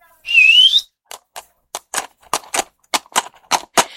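A single loud, rising whistle to call a horse, followed by a series of sharp, clacking knocks that grow louder and come faster. No one speaks.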